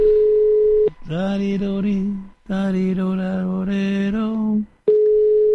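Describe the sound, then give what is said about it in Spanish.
A steady phone line tone sounds while calling a friend's phone, gives way to a few seconds of melodic, tune-like tones, then returns. The call rings on unanswered, clear, with no one speaking. “El de casa no me lo ha cogido y el móvil parece que tampoco.”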